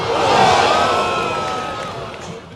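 A big crowd of football fans, several hundred to a few thousand people along the Warsaw boulevards, roars and shouts together during a match, a loud, dense swell of cheering that peaks early and then gradually eases off without fully dying away.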